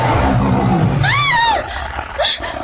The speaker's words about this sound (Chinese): 那豹子吃痛，越发生了兽性，怒吼一声，张牙舞爪地向前扑来。